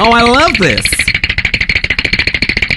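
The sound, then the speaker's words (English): A teeth-chattering sound effect: a brief wavering vocal shiver gives way to a rapid, steady stream of loud, sharp clicks that rattle on evenly until the end. “Doesn't actually sound like the most realistic tea chattering there.”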